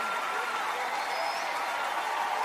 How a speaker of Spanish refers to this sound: Dele ese aplauso fuerte al Rey de Reyes y Señor de Señores. Déselo fuerte, si es para el Rey, si es para el Rey.